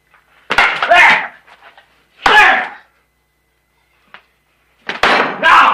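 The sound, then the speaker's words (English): A steak is slapped down onto a plate, giving three loud, sharp smacks with a brief clattering ring after each, separated by pauses, plus one faint tick in between. “Slapping it back on the plate.”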